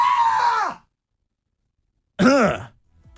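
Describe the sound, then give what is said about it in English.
Two short, high-pitched vocal shrieks from a male radio shock jock, startled on a live stream by a bald man's shadowy silhouette waving at the glass. The first shriek is held briefly before dropping in pitch, the second is a quick rising-and-falling yelp after a pause. Loud, with no speech. “I'm a hardcore shock jock radio bad boy who just screamed like a little girl into the live stream camera.”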